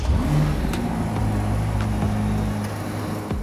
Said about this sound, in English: Now, the 3.9 liter twin turbo V8 produces 640 horsepower and 760 newton meters of torque, with the engine revving up to 7600 rpm.